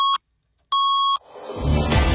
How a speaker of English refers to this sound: 570 News Time coming up at the sound of the Twin Tones will be exactly 8:30.